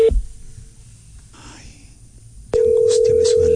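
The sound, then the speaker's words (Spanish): A landline telephone ringing tone sounds over a call line: a short burst at the start, a quiet pause with faint line noise, then a loud, steady electronic tone that runs to the end. “Pero esto no es timbre de celular, ¿no? No, sí. Parece fijo. Es que tiene distintos tonos.”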